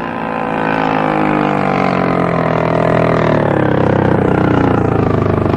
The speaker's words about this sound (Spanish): Las lanchas se detienen cerca del casco por estribor.